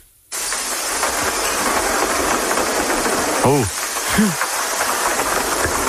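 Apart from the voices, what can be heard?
heavy downpour of rain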